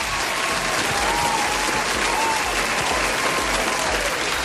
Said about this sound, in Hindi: तो भाई तालियां हो जाए, तालियां तालियां तालियां। Very good very good.